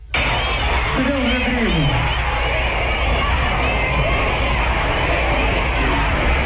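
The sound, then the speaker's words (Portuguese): A large concert crowd roars and chants the name "Virgínia" together during a show, in a steady, dense wall of voices, loud and sustained throughout, with a few individual shouts rising above the mass. “Cata só o público gritando o nome da Virgínia durante o show”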